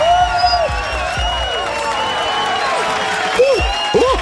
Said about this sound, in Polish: Razem z tymi brawami, które ci grają